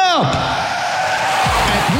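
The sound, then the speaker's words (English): Loud car brakes screech as tyres skid, a sustained high-pitched squeal with a sharp falling sweep at the start and more skidding bursts near the end. “Brakes”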